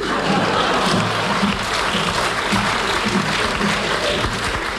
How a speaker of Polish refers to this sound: Klaskać!